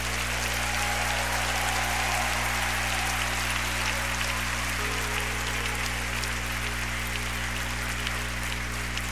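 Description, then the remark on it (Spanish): A large audience claps steadily and continuously for several seconds to welcome a performer, a dense crackling wash of applause over a low, sustained musical hum in the background. “Yo quiero que ustedes reciban con un fuerte aplauso”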